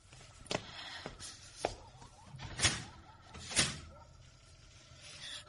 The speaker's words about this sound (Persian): در رو قفل کن. باشه.